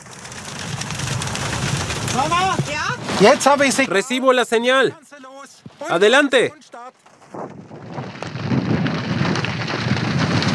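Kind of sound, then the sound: nature, heavy rain falling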